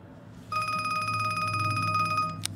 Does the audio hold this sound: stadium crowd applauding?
no